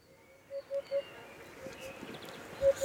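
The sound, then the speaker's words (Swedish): A hoopoe, a cream-coloured, orange-tinged bird with a large crest on its head, gives a soft, low hooting call: three quick hollow notes in a row, a pause, then one more note, fairly faint over a quiet outdoor background hiss. “härfågel som framförallt karaktäriseras av sin mäktiga fjäderkam på huvudet. Lite krämfärgad, drar åt orange. Dyker upp här då och då.”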